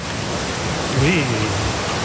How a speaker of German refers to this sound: Aber es gibt zum Beispiel, das ist einzigartig in NRW, in einem See, hier kannst du surfen. Ich habe euch die Welle mal mitgebracht, hört mal.